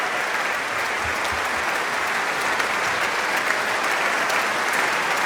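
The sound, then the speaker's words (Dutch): Sustained concert audience applause for an encore as Dumestre returns to the stage with a small guitar, a dense, steady wash of many hands clapping at an even, fairly loud level throughout, with no voices standing out. “Maar eerst nog wat meer applaus.”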